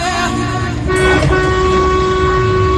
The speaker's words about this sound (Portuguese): Ó, povo buzinando, fazendo festa com a gente.